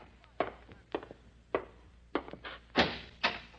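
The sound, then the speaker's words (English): A door closing, heard as a run of dull wooden thumps and knocks at an irregular pace, moderately loud, with no talking over it. “Close the door”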